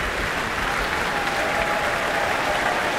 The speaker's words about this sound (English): Wow, this is a lovely atmosphere now. Everyone's calling her back for more, for another round of applause.